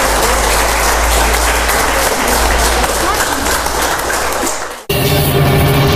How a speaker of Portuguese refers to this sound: aplaudam ao Senhor. Oh, aleluia!